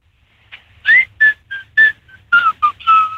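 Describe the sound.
A person whistles a pop melody in a string of short, bright notes with brief gaps, some notes sliding slightly in pitch, clear and fairly loud with no talking.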